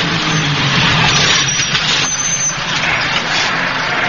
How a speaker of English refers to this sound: What are all them nasty-looking army lorries full of nasty-looking army soldiers with nasty-looking army guns pulling up on the quayside for?